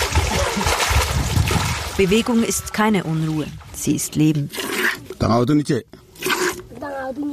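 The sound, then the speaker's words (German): Dense rustling and crunching as a herd of cattle pushes through dry yellow brush in Karamocha, dust hanging over the hooves, fills the first seconds, then carries on faintly beneath a man speaking. “Die Kuhherde zieht durchs trockene gelbe Gestrüpp.”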